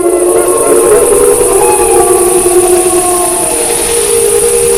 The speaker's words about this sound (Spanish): y al fondo pues es una manada. ¿Se oyen varios? Sí, claro, las manadas, los lobos, bueno, ya hablaremos de eso más adelante, pero los lobos aullan entre ellos, ¿no?